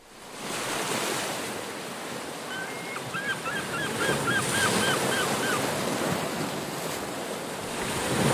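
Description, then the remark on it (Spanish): Steady roar of ocean waves washing onto shore, broad and continuous, with a run of repeated seagull calls sounding over the surf near the middle. “Y con el rumor del oleaje y el canto de las gaviotas seguimos navegando”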